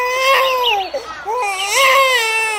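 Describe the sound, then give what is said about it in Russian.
A baby cries in the distance in two long, wavering wails with a short catch of breath between them, fairly loud and clear, with no other voices. “Вдали раздался детский плач.”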